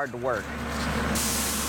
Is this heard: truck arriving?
yes